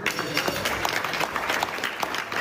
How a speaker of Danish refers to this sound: Der bliver klappet af en aftale, der ifølge blandt andre Pakistan, der har været mægler i konflikten, straks vil løfte blokaden i Hormuzstrædet, så olie igen kommer til at kunne strømme frit.